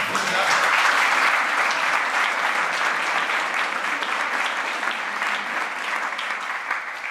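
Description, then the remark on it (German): An audience at the Bremer Literaturpreis award applauds author Heinz Strunk, winner for his story collection »Kein Geld, kein Glück, kein Sprit«: a dense wash of many hands clapping at an even, sustained level that eases slightly toward the end, with no voices standing out. “Sie kriegen jetzt einfach noch mal einen Applaus.”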